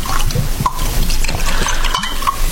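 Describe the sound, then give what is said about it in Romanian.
A drink is poured into glasses, liquid trickling and splashing steadily for a couple of seconds, a bright, gurgling stream with small clinks and drips, and no voices. “Ia, nu toarnă tu în pahare, mama.”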